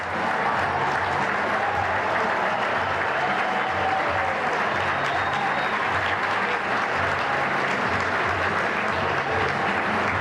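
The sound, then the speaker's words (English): A sold-out stadium crowd of over 42,000 at a Mets baseball game at Citi Field applauds steadily for about ten seconds as pitcher Steven Nagosek comes out of the game in the 6th inning. It is a dense, loud wash of clapping mixed with cheers and whistles, with no break in the noise. “The sold-out crowd of over 42,000 showed their appreciation as he came out of the game in the 6th.”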